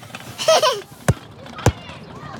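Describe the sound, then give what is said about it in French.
A boy playing with a ball: it bounces three times with sharp, hollow thuds, unevenly spaced, following a brief high-pitched child's vocal sound near the start. “Et un garçon qui joue au ballon.”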